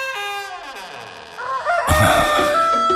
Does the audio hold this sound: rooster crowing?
yes